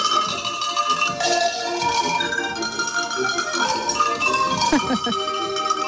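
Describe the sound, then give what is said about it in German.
Cowbells and sheep bells rung by a bell ringer from Viehhofen at the Salzburger Bauernherbst programme presentation clang continuously in a dense, overlapping jangle, many metallic tones ringing at once at a steady, loud level throughout, with no pauses. “Das sind Kuh- und Schafsglocken.”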